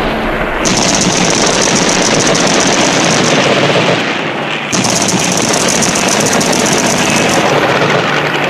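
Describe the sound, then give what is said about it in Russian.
Loud, sustained machine gun fire rattles on almost without letup, a dense rapid stream of shots broken by one brief pause midway before resuming. No voices are heard. “Ни духа! Огонь!”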